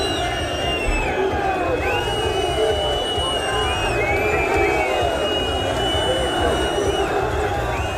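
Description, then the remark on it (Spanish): Thousands of fans gathered at the exit of Mestalla stadium roar and chant continuously in protest against the club board as the players leave on the official team bus, with dense overlapping shouts, whistles and jeers forming a steady, loud wall of angry voices. “Miles de aficionados se concentraron a la salida del estadio para protestar contra la directiva”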